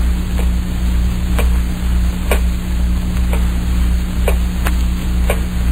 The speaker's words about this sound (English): Terrible clock. Ticking. Yeah, I know. I've been sitting here listening to it. I can't stand it anymore. I'll stop it. Why bother with it?